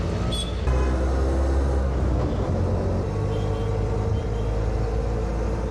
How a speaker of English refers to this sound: Riding in an auto, what you call auto rickshaw, this is actually the best way to get around in the cities in India when you get this kind of traffic.